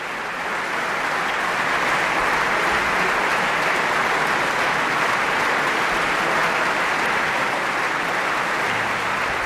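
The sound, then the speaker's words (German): A concert audience applauds pianist Juliana Avdjejeva after her Chopin performance, a dense wash of clapping that holds at full, even loudness for the whole stretch, with no voices standing out. “Das Publikum scheint jedenfalls sehr begeistert.”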